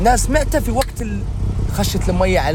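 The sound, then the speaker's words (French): A car drives through the streets with a steady low engine and road rumble heard from inside, while a voice talks continuously over it. “Depuis la fenêtre de sa voiture,”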